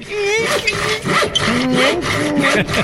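An old handsaw whose teeth are not set cuts through wood in steady back-and-forth strokes, a loud rasping with a harsh, grinding edge, continuing throughout.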